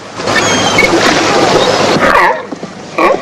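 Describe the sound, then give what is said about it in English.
Grey seals call with wavering, moaning cries that rise and fall near the end, following a steady rush of splashing surf and water. “Grey seals. They look nice and friendly.”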